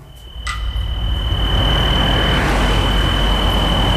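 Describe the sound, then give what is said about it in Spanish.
A car's rumbling noise, recorded in Cineu, swells over the first second and then holds steady and loud, with a thin high-pitched whine running throughout. No one speaks. “¿Es de ese coche? Era un coche.”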